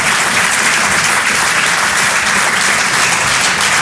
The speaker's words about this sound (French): On peut l'applaudir très très fort, elle aussi, la Bajon sur les chansons.